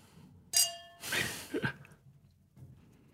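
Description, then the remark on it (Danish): Glasses clink together in a toast, one bright ringing chime that fades quickly, followed by a breathy rustle and a soft sigh. “Skål, skål på skål, det her.”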